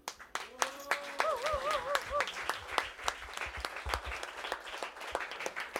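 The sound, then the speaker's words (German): An audience at an event applauds with dense, rapid clapping throughout, joined by a few whoops and a wavering, warbling cheer early on, sustained at a fairly steady moderate loudness. It is an extra round of applause for Werner, who made the event possible. “Deswegen jetzt ein extra Applaus für den Werner, der uns das Ganze da ermöglicht hat.”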